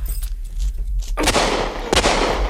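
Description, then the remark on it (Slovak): After a quiet moment, two loud rifle shots ring out about a second apart, each a sharp crack followed by a rushing, noisy tail that lingers. A low steady hum runs underneath, with no voices. “Berte pušky. Páľte.”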